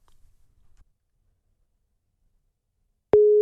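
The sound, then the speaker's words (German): A steady telephone ringback tone of an outgoing call starts abruptly after a few seconds of near silence, loud, holding one constant pitch until the end. “Und den werden wir jetzt telefonisch überraschen.”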